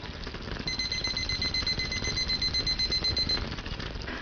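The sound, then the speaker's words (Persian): A kitchen timer alarm, set for 7 minutes while rice cooks on a lowered flame, rings with a rapid string of shrill electronic beeps lasting about three seconds, clear over a low background hum, with no one talking. “حالا شعله رو کم می‌کنیم و تایمر رو روی 7 دقیقه تنظیم می‌کنیم.”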